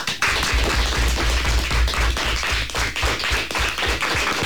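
Fifth- and sixth-year pupils of CEIP Nosa Señora das Dores in Forcarei applaud in the José Hermida studio of Radio Pontevedra: dense, steady clapping that fills the whole stretch at a loud, even level, with no voices over it.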